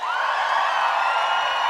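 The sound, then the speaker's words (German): A concert crowd roars with sustained cheering and applause for the band, a dense, steady wash of voices and clapping that stays loud and unbroken throughout. “Kann ich bitte noch einen großen Applaus haben für die Band?”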